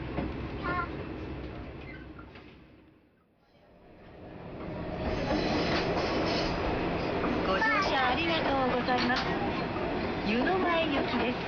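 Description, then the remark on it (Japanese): A Kumagawa Railway train bound for Yunomae, having left Hitoyoshi Onsen Station, rumbles steadily along the track beside the Kuma River with rice paddies on both sides; the running noise briefly fades before swelling back to a loud, continuous roar, with a voice speaking over the later part. “球磨川が右に並走しながら両サイド水田が広がっているこの線路を走っていますけども、もう間もなく旧川村駅を通過するところです。”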